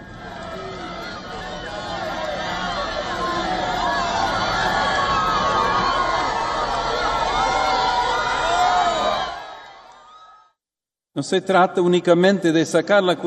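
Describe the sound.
A large crowd cheers and shouts continuously for about nine seconds as the Pope pauses to bless children at the Corpus Domini mass, a dense roar of many voices with high excited cries, then fades out; after a short silence a single person begins speaking.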